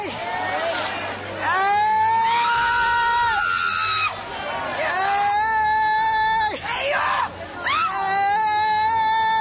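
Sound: people shouting and screaming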